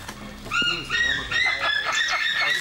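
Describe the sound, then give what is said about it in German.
A white-tailed sea eagle in Germany calls in a rapid run of high, yelping notes, repeated one after another for a couple of seconds and fairly loud throughout. “Der schönste Seeadler, was in Deutschland steht.”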